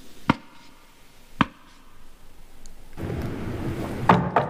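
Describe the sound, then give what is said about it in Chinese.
Sharp, distinct knocks on a door: two single raps spaced about a second apart, then, after a pause, a quick pair of knocks over a rising rustling background noise. “开开门。 啥人啊？”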